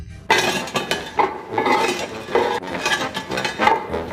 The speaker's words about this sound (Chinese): 那我们呢一直坚持用这个研磨的方式，这样做出来会更香。 手工研磨调料不仅使得味道更香，也方便烧制13香小龙虾时使用。